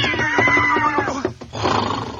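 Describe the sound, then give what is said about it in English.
A loud horse whinny in a Grape Nuts Flakes cereal commercial: a shaky, quavering call that slides downward for about a second, followed by a rough, breathy snort-like burst. No one speaks. “And every day, this horse would gallop up to a house and say...”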